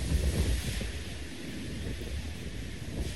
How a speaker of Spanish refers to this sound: La rompiente de olas también.